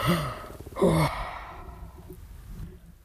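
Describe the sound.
A person performs a long, drawn-out yawn, voiced and breathy, swelling at the start and then trailing off into quiet exhaled breath. Fairly loud, with no other sounds.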